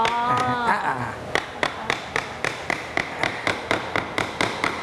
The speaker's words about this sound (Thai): ตัวกลางเราก็ระวังนิดนึงเพราะว่าบ่าไม้มันบางใช้ค้อนทุบด้านบนเลยครับ